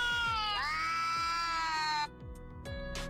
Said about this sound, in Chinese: 而如果播放两猫相遇时的叫声，翻译器又给出了答案。